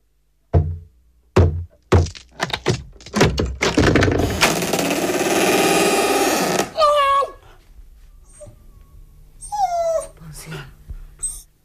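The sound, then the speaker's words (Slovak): An axe strikes a door in a quick series of heavy, irregular thuds, then a long loud rush of splintering noise as it gives way. High whimpering cries follow. “prines sekeru, vyraz tie dvere.”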